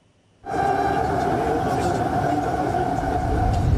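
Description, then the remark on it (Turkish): After a brief silence, a train on the newly opened Halkalı–Istanbul Airport metro line in Istanbul, Turkey suddenly roars up, its steady loud rumble carrying a sustained mechanical whine that holds without pause to the end. “İstanbul'un trafiğine önemli ölçüde katkısı olacağı belirtilen Halkalı İstanbul Havalimanı metrosu açıldı.”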